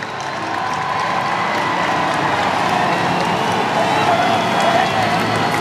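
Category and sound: crowd, crowd cheering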